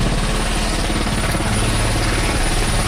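Helicopters arrive at a port after rescuing survivors off a capsized boat, their rotor blades chopping in a fast steady pulse over a loud, constant engine whine that fills the whole stretch.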